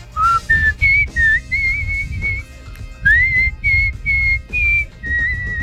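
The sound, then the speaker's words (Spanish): A person whistles a short melodic tune as a dedication requested by a listener, the clear notes rising and gliding in phrases with brief pauses, fairly loud over a low background rumble. “pero alguien que canta pero silbando es una persona, y acá … nos pone, llegó el pajarito, ya lo oí, o pajarita mejor dicho.”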